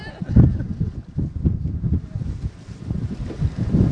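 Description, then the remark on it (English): Strong wind roars steadily across open water with some waves, a loud, low, buffeting rumble that swells and gusts, with faint splashing from a small boat underneath. “Are you getting good wind sounds?”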